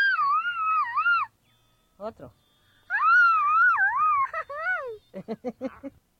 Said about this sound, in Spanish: A ver, señor, por aquí tengo a este concursante que quiere aventarse un grito. A ver. Grito mexicano.